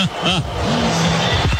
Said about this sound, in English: Well, the big screen showing the Sooners coming out of their locker room and starting the walk down the tunnel. The cheer you hear is simply for the OU captains.